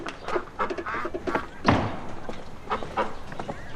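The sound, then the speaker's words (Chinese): Two penned domestic ducks being fed: a busy run of short rasping calls and clattering bill noises, with a dull thud partway through and a person's voice mixed in. “哎呀，爷爷爷，哎，这是喂鸭子呢。”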